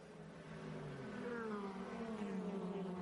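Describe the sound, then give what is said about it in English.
TCR touring race cars, purpose built by the racing divisions of each manufacturer, roar at high revs during a race, with harmonic whines sliding down in pitch as cars pass, a continuous loud mechanical drone with no talking. “They are purpose built by the racing divisions of each of the manufacturers.”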